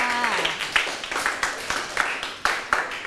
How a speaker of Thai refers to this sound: ใช่ปรบมือให้เพื่อนค่ะ